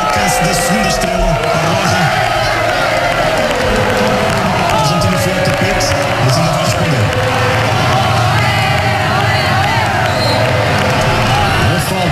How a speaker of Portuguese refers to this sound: Festa dos espanhóis neste momento, a quebrar a resistência dos argentinos e a chegar ao primeiro golo de Ferran Torres, para uma explosão de alegria de um público parecia até algo já adormecido com o andamento do jogo.